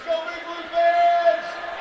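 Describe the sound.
A stadium PA announcer at a football game hypes up the crowd with a booming, drawn-out amplified voice, stretching the call out over a low murmur of crowd noise.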